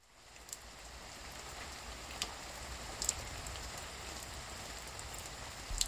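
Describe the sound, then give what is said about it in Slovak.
Steady rain falls in a continuous, even hiss, with a few brief louder drips or splashes standing out now and then. No voices, just the constant wash of rainfall. “Prší, prší. Prší, prší jednotvárne.”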